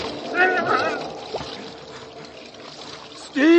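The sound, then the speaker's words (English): Jet-black water rushes and flows swiftly throughout, a continuous hissing stream, while a voice calls out briefly near the start and again loudly at the end. “as he looked round desperately, scanning the black expanse about him for the sight of a single struggling head, there was nothing but jet black water, flowing swiftly.”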